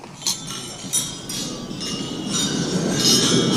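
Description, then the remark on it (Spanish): Many glasses clink together in a toast at Macron's gala dinner: a couple of sharp, separate clinks at first, then a dense, rising jangle of overlapping clinks over a noisy crowd background. “Estaba yo escuchando el brindis en la cena de gala de Macron y quiero que escuchéis el ruido de las copas. Esto es real, ¿eh? En el brindis.”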